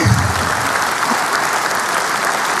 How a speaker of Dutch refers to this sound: We have a great news. The first disbursement of 3.2 billion euro will be announced today. Applaus.